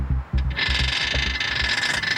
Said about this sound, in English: NIO also lets you swap your battery. Drive in, dump the old battery, and a freshly charged one is installed. You can see it's going through the steps. We're about halfway through.